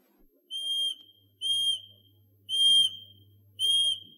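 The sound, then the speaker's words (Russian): Four short, steady high-pitched whistles sound in an even rhythm, each about half a second long, whistled to call a bird named Ryabok in a birch grove. No one talks, and a faint low hum sits underneath. “Я сейчас подзову Рябка, а вы полюбуйтесь.”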